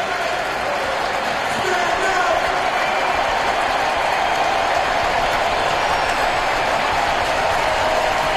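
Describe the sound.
A sellout stadium crowd at a Dodgers baseball game rises to its feet and cheers for strike three, a dense, continuous roar that swells slightly after the first couple of seconds and then holds steady and loud, with a blur of voices and clapping throughout.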